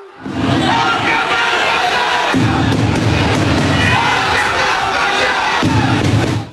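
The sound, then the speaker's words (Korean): A large crowd of fans in the arrivals hall of Incheon International Airport roars with jeers and angry shouting as national team coach Hong Myung-bo appears, a dense, loud wash of many voices that holds steady for several seconds without letting up. “홍명보 감독이 입국장의 모습을 드러내자 야유와 고성이 쏟아집니다.”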